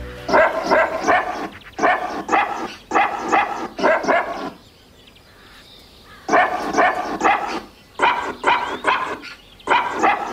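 Barks of a dog named Waldi chopped and pitched into a sung melody for an HR4 radio pet feature, repeating in rhythmic phrases with a short quiet break in the middle before the barking tune resumes, loud.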